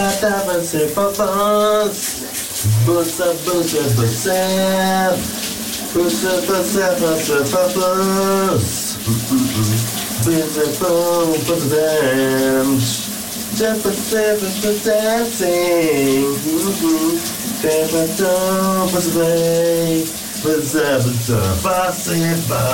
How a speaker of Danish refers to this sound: Vi har lært, at du også får dit daglige morgenbrusebad om eftermiddagen.